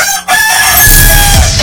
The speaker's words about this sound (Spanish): Llegó el momento más esperado de la radio. Lo más rico de tu mañana. El gallo. Tu despertador del buen humor.